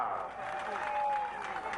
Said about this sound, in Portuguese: Nós queremos agradecer aos nossos líderes religiosos que oraram aqui e abençoaram esse nosso comício. Por isso quero pedir uma grande salva de palmas para eles.